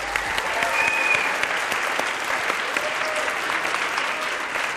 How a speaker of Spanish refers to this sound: Denle un aplausote